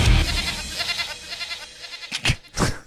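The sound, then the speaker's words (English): A brand-new radio sting for The Daily Goat segment on the Hodaki Big Show: a goat bleats loudly and sustained, a wavering nasal cry with harmonic bands, followed by two short sharp bleats near the end, clear with no talking. “Brand new sting there, debuted for the first time.”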